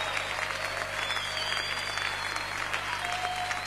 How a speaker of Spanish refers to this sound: Señor. Te aplaudimos a ti, Jesús. Alabanza y honor a ti, Señor.